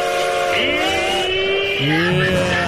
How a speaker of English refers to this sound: It's go home time. Let's make it official. Here's your 5 o'clock drive home whistle.